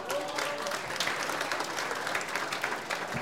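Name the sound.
applause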